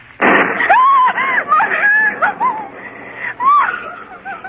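A sudden thunderclap bursts in during a storm, then a series of high, wavering frightened cries and wails ring out over it for several seconds.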